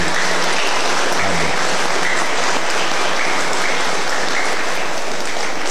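A crowd gives a big round of applause for Mary, Our Lady of Peace, a dense wash of many hands clapping at an even loudness for several seconds with no break and no voices.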